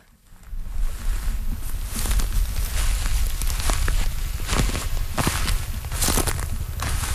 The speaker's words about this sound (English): Yes, I remember the crunching under all of that burnt stuff.